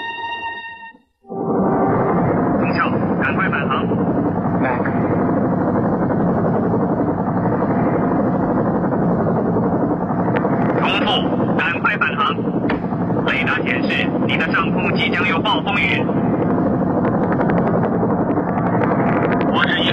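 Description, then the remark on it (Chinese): A helicopter hovers by a mountain cliff, lowering a rescue cable to a climber, its loud, steady rotor roar kicking in after about a second and droning throughout, with scattered sharp clatters and crackles in the second half. “凯西被甩到对面突出的岩石上，直升机放下缆绳，凯西从岩石上跳起来，抓住了缆绳。”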